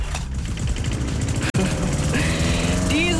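A lawn mower engine runs loud, a steady low buzzing drone with a brief cutout midway before it roars straight back on, while faint music drifts over the top.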